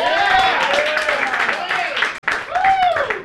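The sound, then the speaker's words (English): A loud, steady burst of crowd applause mixed with rising whoops and cheers, with only a brief dip in the middle, as an audience welcomes a comedian. “Give it up for the very very funny”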